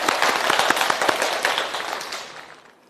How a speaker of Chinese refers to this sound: 我们掌声欢迎。